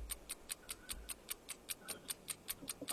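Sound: quiz countdown clock ticking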